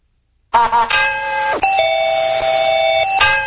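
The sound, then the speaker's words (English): A bright, loud mail bell chime rings out, its melodic tones sustaining and repeating in a short electronic jingle with no voices. “Oh, that's the mail bell.”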